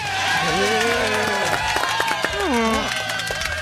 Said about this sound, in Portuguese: Senhoras e senhores, uma salva de palmas para Dentinho.